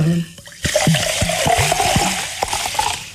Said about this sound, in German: Das wäre zum Beispiel ein geräuschvoll hergestelltes, geräuschvolles Lebensmittel. Sprudel gehört, glaube ich, zum Genuss von sprudelndem Mineralwasser auch dazu.